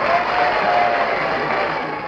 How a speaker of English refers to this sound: Behind her, she could hear the shouts and cheers that greeted Sarah Bernhardt.